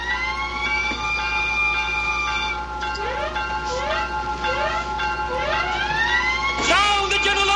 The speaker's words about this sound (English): anyway, heed the warning, heed the warning. Sound the general alarm!